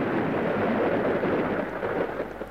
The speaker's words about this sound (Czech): Podívejme, bouřka. A prší.